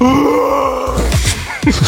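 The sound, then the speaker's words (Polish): A person roars loudly: one long, sustained, strained cry that slides downward in pitch, then breaks into several short, choppy, wavering bursts. No words are spoken. “Ale to ktoś tak ryczy względu na poniedziałek, czy z jakiegoś innego powodu?”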